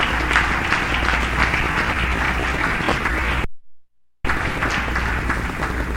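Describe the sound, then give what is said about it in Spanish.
An audience at a morning service claps as an offering of praise to the Lord, in loud, sustained applause, a dense crackle of many hands. It cuts off into a brief silence, then the clapping resumes just as strongly. “Denle una ofrenda de palmas al Señor esta mañana.”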